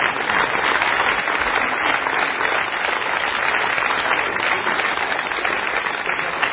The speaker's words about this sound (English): And you can hear the people here very politely waiting until both satellites being successfully separated before breaking out into applause.